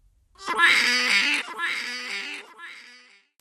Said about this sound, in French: Mamie éléphantée entoure de sa trompe le cou du petit éléphanteau. Et celui-ci crie encore plus fort.